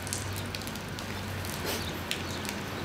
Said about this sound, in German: jetzt regnet es auch noch.